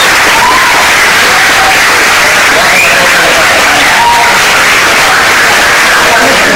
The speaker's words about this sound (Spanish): La gran protagonista de este evento, que sois vosotros y Benjamín. Así que un aplauso para Benjamín.